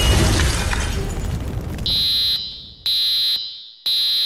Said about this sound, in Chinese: 还好还有住宅火灾警报器